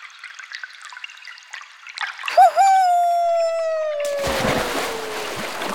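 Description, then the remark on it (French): Water trickles softly in a small stream in the middle of a huge hall, then a long descending whistle slides down before a loud splash as something plunges into the stream, followed by churning, splattering water. No one speaks. “tu as plongé dans le ruisseau?”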